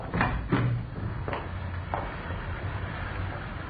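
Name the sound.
door opening and closing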